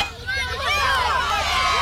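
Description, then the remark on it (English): A baseball crowd cheers after a player's first home run, many overlapping voices shouting and whooping in a steady, loud roar that holds for about two seconds with no single voice standing out. “The crowd went wild.”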